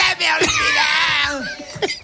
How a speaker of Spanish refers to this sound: Una familia cantando una Pero canción. Llega el gritito. Y llega el del berrido, espera. Mira. Oye, pues lo afina, ¿eh?